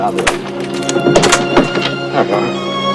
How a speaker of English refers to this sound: They walk together down the corridor. She fumbles with her door key.